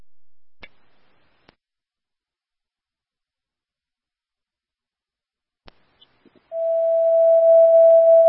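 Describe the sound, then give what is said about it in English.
A few sharp clicks in near silence, then a loud, steady electronic radio dispatch alert tone switches on and holds without a break until the end, sounded for an abdominal pain call on South San Joaquin Street. “Disregard the tones.”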